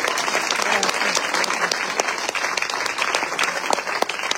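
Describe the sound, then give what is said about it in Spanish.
A church audience claps to praise the Lord, a dense wash of many hands with sharp individual claps poking through, sustained at full volume for the whole stretch with no voices standing out. “Puede darle palmas al Señor.”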